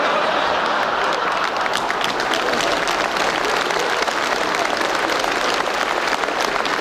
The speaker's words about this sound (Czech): Já teda ten potlesk taky někdy sklízím a to, když dobře uvařím, tak třeba tleská celá rodina